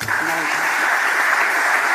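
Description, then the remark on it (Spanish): A crowd applauds loudly and steadily for the player and captain Mariona Ortiz, a dense wash of clapping that holds the same level throughout, with a faint murmur of voices in the first moments. “Absolutamente tremendo el aplauso a la jugadora, a la capitana Mariona Ortiz.”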